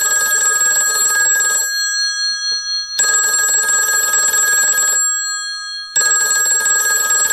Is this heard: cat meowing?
no